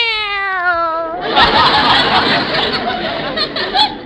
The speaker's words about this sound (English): Wait a minute, where are the kittens? I got them in my sweater pocket. See, here's one. Meow.